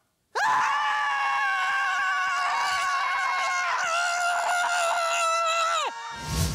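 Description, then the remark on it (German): A group of people at a scream club in Kiel, Germany, screams together in one long, loud, sustained outburst of overlapping voices, breaking briefly partway through before surging again and cutting off abruptly. “das Schreien in der Gruppe getestet”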